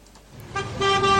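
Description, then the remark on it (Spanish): Car horns blare while stuck in a traffic jam on city streets, one long honk starting after a low road rumble and a second horn joining it, both held loud and steady to the end. “Justo cuando estás atascado en las calles dentro de tu auto”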